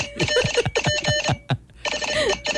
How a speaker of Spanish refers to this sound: Ahí viene. Lo que pasa es que es código Morse, eso demora.